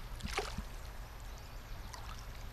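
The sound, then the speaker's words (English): A steady, soft rush of the Clearwater River flowing past at a National Historic Park in Kamyai, Idaho, on a sunny day, heard as a continuous low wash with no speech, broken only by a brief higher-pitched chirp near the start. “spent an afternoon next to the river talking about the connections among language, culture, and land.”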